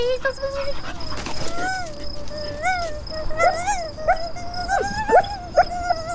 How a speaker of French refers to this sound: Oui, c'est un chien. Il a beaucoup trop de poils, mais voilà une oreille qui me paraît succulente.